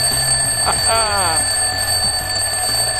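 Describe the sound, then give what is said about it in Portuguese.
An alarm clock rings steadily for the whole stretch, a sustained high-pitched tone that stays loud and even, with faint voice-like sounds murmuring underneath. “Bom, por que que algumas pessoas colocam o despertador debaixo do travesseiro?”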